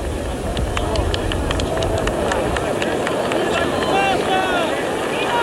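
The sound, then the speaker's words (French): A large crowd in St. Peter's Square at the Vatican applauds the appearance of Pope Paul VI at the closing of Vatican II on 8 December 1965, a dense steady wash of clapping with scattered sharper claps, mixed with raised voices and a low rumble that fades midway. “Vous entendez les applaudissements qui saluent l'apparition de sa sainteté Paul VI.”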